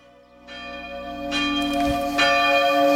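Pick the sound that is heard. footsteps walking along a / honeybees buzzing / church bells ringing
church bells ringing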